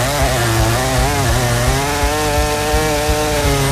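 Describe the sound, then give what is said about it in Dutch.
A chainsaw runs steadily, its loud engine buzz shifting slightly in pitch as it cuts a notch into wood, with no talking over it. “Want het is woensdag en dus in de ochtend gaan wij alvast een inkeping zagen om de rest van de dag zo door te kunnen zagen.”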